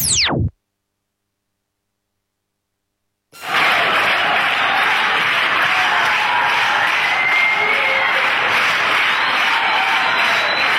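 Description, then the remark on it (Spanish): A quick descending whoosh, then about three seconds of silence before loud, dense applause from a large audience bursts in and continues steadily, a thick wash of clapping and crowd noise, at the start of a show in Buenos Aires. “Con los aplausos es hora de comenzar este show.”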